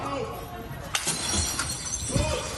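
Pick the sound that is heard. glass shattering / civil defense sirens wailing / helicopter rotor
glass shattering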